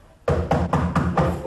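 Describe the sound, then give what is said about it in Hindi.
Five quick knocks on a door in a steady rhythm, fairly loud, each blow blurring into the next with a boomy, reverberant ring and no voices. “अरे देखो भाई, कोई दरवाजे पर है।”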